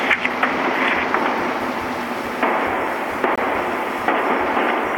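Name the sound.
firecrackers being set off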